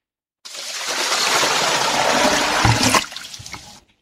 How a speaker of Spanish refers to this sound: Al parecer, alguien le echó un balde de agua fría a la zombi pestilente.